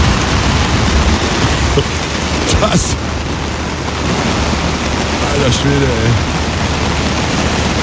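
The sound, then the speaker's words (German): Heavy rain from a thunderstorm over Schäsel drums steadily on a tent at the American Festival, heard from inside the tent: a loud, constant hiss with a few sharp spatters cutting through and a man briefly exclaiming over it. “Also da ist gerade ein fettes Gewitter über Schäsel hinweggedonnert.”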